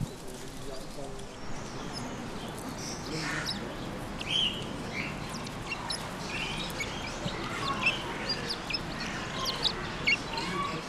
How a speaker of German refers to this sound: Also das sind jetzt die Geierperlhühner. Das heißt zwar Geier, aber es sind doch Hühnervögel. Sie sehen halt nur so aus mit ihrem kahlen Hals und dem nackten Kopf wie Geier.